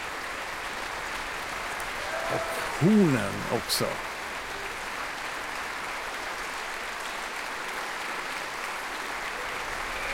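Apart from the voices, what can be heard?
concert hall applause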